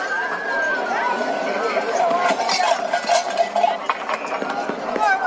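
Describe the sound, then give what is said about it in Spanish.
Clanking cowbells ring out steadily over a crowd of shouting voices, with the scuffle of people running throughout and at one point a confrontation; busy, loud and continuous. “Escuchamos gritos, escuchamos también lo que vienen a ser unos cencerros, escuchamos cómo corren, cómo hay incluso algún momento de enfrentamiento.”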